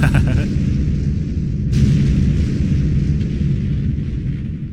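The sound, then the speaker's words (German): Fireworks boom and rumble without pause, a heavy low roar filling the whole stretch, with a sharp bright burst cutting in partway through. No voices, just loud continuous explosions. “Das Feuerwerk ist startklar? Aber sicher, du kannst es hören in 3, 2, 1.”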